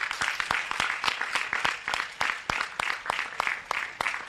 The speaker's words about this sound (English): We would like to thank everyone that has made this happen. Let's give them a thunderous hand clap.